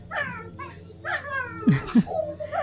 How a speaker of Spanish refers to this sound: jugando con su perrita